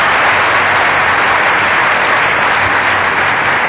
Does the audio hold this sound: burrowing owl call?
no